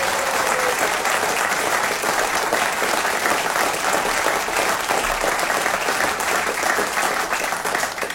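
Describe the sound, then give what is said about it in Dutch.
Steady, dense audience applause, many hands clapping at an even, loud level for about eight seconds without a break, with no voices standing out. “Dus graag een groot applaus voor Alice Broeks tegen Leon Brillaren.”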